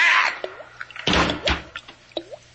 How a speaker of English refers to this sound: You'll never be able to hear that faucet again.